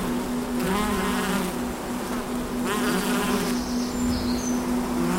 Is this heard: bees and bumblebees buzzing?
yes